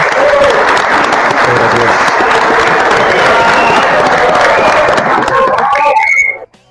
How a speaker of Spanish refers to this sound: Os los doy la bienvenida y un aplauso a todos los integrantes del cuerpo técnico.